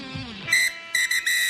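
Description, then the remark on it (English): A game-ending siren blares in three loud, steady high-pitched blasts with a buzzy, whistle-like tone, the second and third coming in quick succession. No one speaks. “The final siren has sounded, and it's time to cool down with Ice Gel.”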